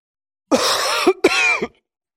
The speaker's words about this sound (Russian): Как вы лечите свой кашель?